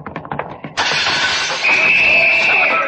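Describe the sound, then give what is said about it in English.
A quick rhythmic rattling gives way to a sudden, loud crash of the big front window of a house smashing, followed by a couple of seconds of bright, sustained shattering and tinkling flying glass. “Yeah, watch out for flying glass”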